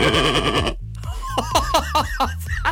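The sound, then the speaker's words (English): A woman's voice imitates a goat, starting with a long, loud, quavering bleat, then after a brief pause a rapid run of shorter wavering bleats that rise and fall in pitch. “She's a goat. That's quite impressive.”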